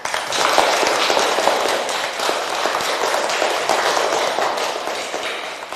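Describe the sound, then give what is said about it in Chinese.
A primary school class applauds to welcome a guest, Grandpa Fan, author of the text 'Bamboo Figures': dense, steady clapping from many hands, a thick crackling wash that swells quickly and holds at a fairly loud level for several seconds, with no voices. “让我们掌声有请范爷爷。”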